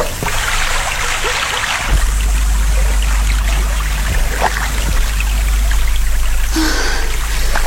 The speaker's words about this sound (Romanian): De m-ar vedea un cunoscut în această barcă de pescar, vâslind de zor în pragul nopții, nu și-ar putea crede ochilor că sunt soția judecătorului Pai.